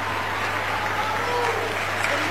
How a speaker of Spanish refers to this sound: Era parte de mi equipo en La Voz y es catamarqueño y quiero que le reciban con un cariñoso aplauso